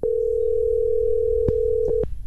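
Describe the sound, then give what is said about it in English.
A steady, continuous phone dial tone hums loudly for about two seconds, with a couple of brief clicks near the end before it cuts off, from a phone hooked up to a studio mixing board to place a call. “You got your phone hooked up to the board.”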